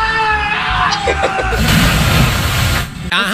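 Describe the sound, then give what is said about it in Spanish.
A father yells in alarm, then a loud rushing splash as a child jumps into the water, followed by the child's bright, wavering laughter. All loud, with no conversation. “el grito del papá con asustado, el niño riéndose, tirándose en el chapuzón.”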